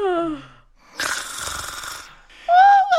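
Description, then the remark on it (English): A voice imitates the loud snoring of the Red Queen and White Queen, asleep with their heads in Alice's lap: a long, raspy rattling breath, bracketed by short voiced, whistling tones that rise and fall, fairly loud with no other sounds. “And just like that, the two queens fell fast asleep with their heads in Alice's lap, snoring loudly.”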